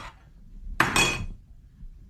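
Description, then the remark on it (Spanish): A plate of food slammed down onto a table: a sharp, loud clatter in two quick hits, with a brief ringing rattle that dies away within half a second. No one speaks. “Cuando llegas a la casa y la mujer te avienta la comida así.”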